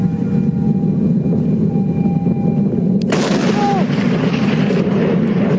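A steady, deep rumble from a meteor entering the atmosphere over Australia, broken about halfway through by a sudden sharp blast, after which a loud, broad roar continues to the end.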